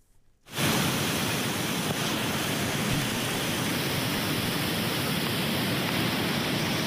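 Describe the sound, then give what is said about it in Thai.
A powerful flash-flood torrent from the Banthat mountains roars over Khlong Kaeo Waterfall in Bo Rai District, Trat Province, after heavy rain, a dense, steady rushing wash that starts abruptly after a brief quiet moment and continues loud and unbroken, with no voices. “เกิดฝนตกหนักในพื้นที่จังหวัดตราดนะคะทำให้มีน้ำป่าหลากลงมาที่บริเวณน้ำตกคลองแก้วกระแสน้ำไหลเชี่ยวแรงนะคะ”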